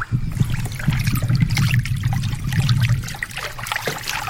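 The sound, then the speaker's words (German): River water flows steadily, a continuous bubbling rush with trickling splashes and a low churning rumble throughout, no voices present. “Auf einmal kommen sie zu einem Fluss.”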